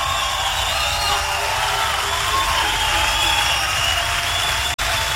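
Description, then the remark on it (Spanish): A large crowd claps and cheers steadily, a dense wash of applause with scattered whoops and shouts, loud and sustained throughout, cutting off abruptly for an instant near the end. “¡Fuerte aplauso, señor!”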